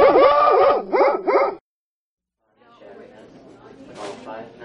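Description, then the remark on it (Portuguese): A female puppy yips and yelps in quick, high, sliding cries, loud for a moment, then stops; after a short silence, muffled voices talk quietly in the background. “A Morcegão FM está crescendo e adotou uma nova cachorrinha virtual. Agora são 3 cachorrinhos virtuais.”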